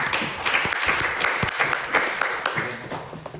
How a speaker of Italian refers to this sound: Grazie, un applauso.